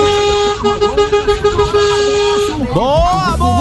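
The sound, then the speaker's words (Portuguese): A vehicle horn blares in one long, steady, loud tone for about two and a half seconds, then gives way to a second honk whose pitch bends and wavers, as a buzinaço (a horn-honking salute) begins. “Bora iniciar esse buzinaço.”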